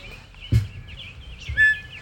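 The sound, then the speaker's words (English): Quail call outdoors in short, clear whistled chirps, one sharper and louder note standing out, over a low rumble of background noise with a single thump near the start. “I want to send a shout out to Big Bird, whose line from last week is, "Those quail are driving me crazy."”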